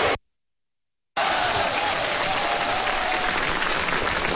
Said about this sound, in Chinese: 听见这掌声了吗？